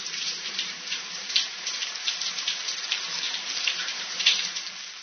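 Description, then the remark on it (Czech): Steady, continuous hiss of running shower water with a dense spray texture and occasional louder splashes, with no voices. “Ty se teď sprchuješ, Kláry? Výborně, poznali jste. Je to sprcha.”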